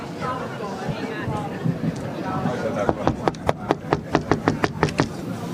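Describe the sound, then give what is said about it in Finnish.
A steady series of about a dozen sharp, evenly spaced knocks on a heavy red door to the jury's room, distinct, over a low murmur of background voices. “koputa siihen, koska mie en uskalla.”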